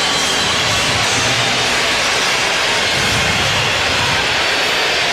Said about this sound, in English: Crowd getting a little frenzied now here in Seattle.